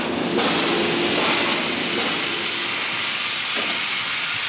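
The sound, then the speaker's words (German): A loud, steady hiss of escaping steam from a locomotive fills the whole stretch, broad, with faint mechanical rumbling underneath and no voices. “Den ganzen Rumpf, die Feuerkraft durchzittert, er ächzt und siedet, zischt und hackt im haßgen Dampf und Eisentakt.”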